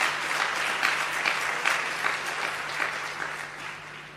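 Sustained applause from a large audience in the Parliament of the Republic of Mozambique, a dense wash of many hands clapping at steady loudness for several seconds, with a faint hum beneath and no one speaking over it.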